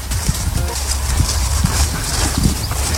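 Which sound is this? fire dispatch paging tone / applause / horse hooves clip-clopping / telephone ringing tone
horse hooves clip-clopping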